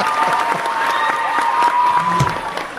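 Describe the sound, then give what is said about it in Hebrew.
A burst of crowd applause, dense rapid clapping at a steady level with some cheering mixed in, lasting a few seconds like a stock applause effect, played after a joke. “רגע, כפיים, שחוקים, כפיים, מה אני שם?”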